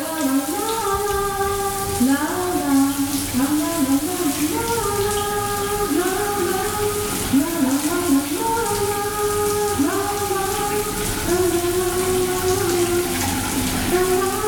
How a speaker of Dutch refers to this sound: Goed, douchegordijn zal open gaan en dan gaat de kraan vanzelf stromen. Dan is het een kwestie van goed luisteren en misschien even een gokkie wagen zometeen.